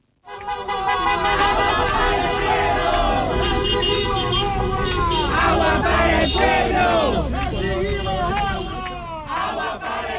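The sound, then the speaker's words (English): A crowd of protesters shouts and chants "Water for the people" loudly while many car horns honk in support over and through the din, steady and dense for the full ten seconds. “Listen to all of the cars honking in support of a protest that I went to last night where people were shouting, "Water for the people."”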